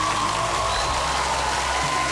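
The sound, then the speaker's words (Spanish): Steady, dense applause from a crowd for taxi drivers fills the whole moment, a continuous wash of clapping at an even level with no voices heard over it. “Un fuerte aplauso para ellos, por favor.”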